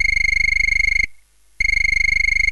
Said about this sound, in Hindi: जरा ध्यान से सुनिए, ये फोन आपके संदेशों को हम तक पहुँचाने के लिए मीठी सी धुन सुना रहा है।